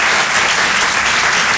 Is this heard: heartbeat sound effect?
no